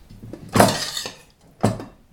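A spoon scrapes and clinks inside a pot as mushrooms are scooped out to top a pizza: two louder metallic scrapes with a few lighter taps between them, and no talking.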